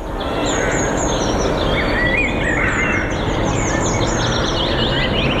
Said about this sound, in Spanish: Lo que están escuchando de fondo ahora mismo... es el ambiente de un parque en pleno invierno. Pájaros cantando, aire puro, tranquilidad y calma.